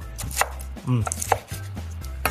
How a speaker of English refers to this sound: We're gonna set our skillet to a medium heat, and while that's heating up, I'm gonna start to chop up the bacon. And this is the hardest part of the recipe, because you're gonna wanna start eating it.